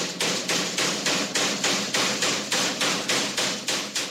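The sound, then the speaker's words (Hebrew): A special hammer, brought along to break things as part of renovating houses, pounds away in a fast, steady rhythm, about a dozen loud blows landing one after another with no pause and no voices. “תשמע, אני הבאתי פטיש מיוחד, וביחד אנחנו בעצם לשפץ למאזינים את הבתים.”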